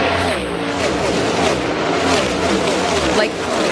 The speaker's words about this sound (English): And just seeing the cars, again, this was nothing that I ever thought that I would ever want to do. But seeing the cars go by and just seeing like the ridiculous speed in person was insane. We have some of that.